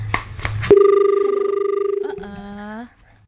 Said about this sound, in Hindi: जी बिल्कुल. एक कॉल आ रही है तो कॉल हम ले लेते हैं.